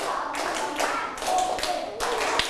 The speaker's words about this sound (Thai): ปรบมือ10ครั้ง